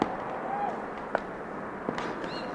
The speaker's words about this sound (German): Das sind Schritte im Klosterhof. Ja, ganz deutlich. Schritte von zwei Männern mit klobigen Schuhen. Die beiden gehen durch das Tor hinaus auf den Weg.